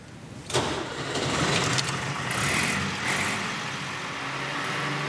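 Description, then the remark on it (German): A vintage Schlüter tractor engine starts with a sudden burst, then settles into a steady, low, throbbing run with a gritty mechanical rattle, fairly loud and with no voices. “Schlüter hat einen ganz bestimmten Sound, einen ganz bestimmten Motorsound.”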